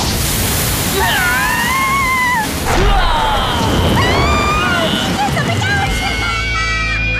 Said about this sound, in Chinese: 以超火神兵的神秘力量，超火激光加农炮，发射！